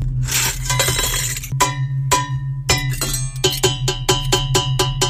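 High-quality stainless steel kitchen pots clanked to make music in a rhythmic pattern: bright, ringing metallic hits that speed into a quicker, steady beat over a low, constant hum.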